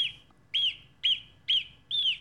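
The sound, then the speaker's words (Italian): A marmot gives a series of five sharp, high-pitched whistle calls at a steady rhythm, each short and piercing, with no voices present. “Beh, in realtà non è un uccellino, è una marmotta, quindi...”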